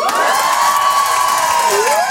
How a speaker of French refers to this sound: Je suis contente de vous voir. Ça me fait plaisir de vous voir. Les filles, faites du bruit pour moi.